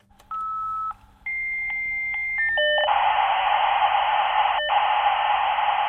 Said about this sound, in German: Ja, so hat es in den 90ern geklungen, als ein Modem sich in das Internet eingewählt hat.